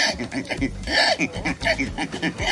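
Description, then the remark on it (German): A man, the new winner of a pig-imitation contest in Estonia, imitates a pig with a rapid, continuous string of loud nasal grunts and snorts, rising now and then into squeaky squeals. “Es ist ein Mensch, der ein Schwein nachmacht.”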